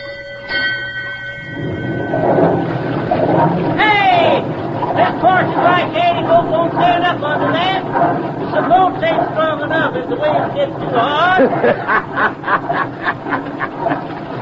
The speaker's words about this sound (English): Signal the engine room to turn up the paddle wheel hard.